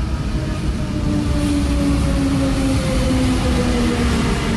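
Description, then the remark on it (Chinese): An electric suburban commuter train on the Tenth of Ramadan City suburban railway in eastern Cairo, Egypt, built with Chinese firms' participation, runs steadily past, a loud continuous rumble of wheels on track overlaid with a faint, gently gliding motor whine. No one speaks. “在开罗东部，由中企参与承建的斋月十日城市郊铁路正把开罗和它的新首都连在一起。”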